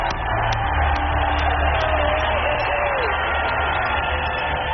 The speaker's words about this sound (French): Le 20 mai à Louisville, Trump est accueilli en héros par une foule en délire, alors que la NRA vient de le désigner comme son candidat, en parole et en acte.